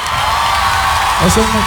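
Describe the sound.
A crowd applauds and cheers loudly in a dense, steady wash of clapping, with whoops and shouting voices rising near the end.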